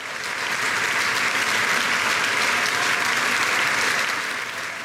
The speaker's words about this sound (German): Applaus und Standing Ovations, Getrampel und Jubel holte sich auch Ex-Intendant Markus Hinterhäuser, der vor und nach seinen Auftritten als Pianist vom Publikum gefeiert wurde.